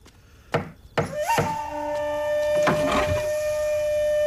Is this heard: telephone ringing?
no